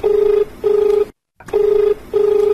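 A telephone ringing tone for an incoming call to a farmers' programme, from a caller in Ramgarh: a steady low electronic buzz sounding in pairs of short bursts, two rings, a brief silence, then two more, loud and alone with no voices.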